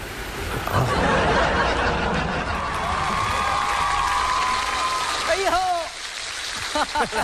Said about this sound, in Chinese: 你看我一上来这掌声就这么热烈啊！